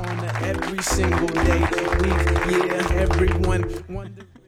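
A burst of applause, dense clapping that swells in over a bouncy musical jingle, holding steady for a few seconds before tapering off near the end.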